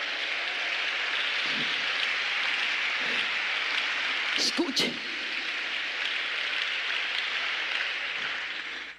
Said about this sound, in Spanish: Si ese aplauso es para Él, de lo más fuerte.